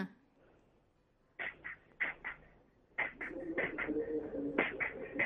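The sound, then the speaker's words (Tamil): An eighth-grade child's voice mimics a train going fast, puffing out rhythmic chugging bursts that start spaced apart and then quicken into a rapid, continuous chug, fairly loud. “அடுத்து வந்து ட்ரெயின்.”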